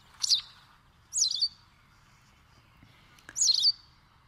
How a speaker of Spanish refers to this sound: Canta pizpireta la lavandera blanca, también conocida como aguzanieves, pajarita de las nieves, pipita o pezpita, nombre científico, motacilla alba. Su plumaje combina el blanco, el negro y distintos tonos grises.